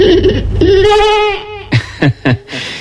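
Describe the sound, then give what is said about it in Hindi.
A sheep bleats in a long, wavering cry, followed by three short, sharp bleats in quick succession, loud with no talking. “बीरबल ने एक भेड़ मंगवा कर कहा,”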